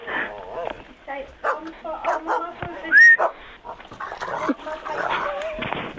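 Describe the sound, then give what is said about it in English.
A dog named Daisy, which has picked up the phone during a call to the Kennel Club, barks and whimpers through a tinny phone line, with a string of short yips and whines, one high whistle-like squeal midway, and muffled sounds underneath. “Has the dog picked the phone up? He's barking down it.”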